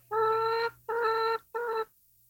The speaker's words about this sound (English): That's a Canadian chicken. That's more like it.